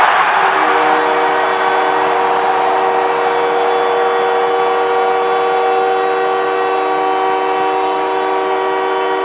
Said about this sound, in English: Well, the captain of the Canadians, Nick Suzuki, gets the crowd into hysterics as he gets the Canadians to within one with his 22nd goal of the season.